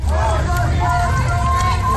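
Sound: protest crowd chanting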